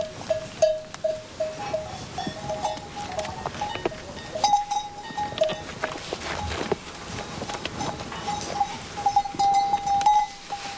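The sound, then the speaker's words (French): A flock of ewes bleating outdoors in the mountains, overlapping calls, with steady rustling and shuffling movement and a few ringing bell tones mixed in, no talking. “C'est pas si tranquille que ça aussi, la vie d'une brebis.”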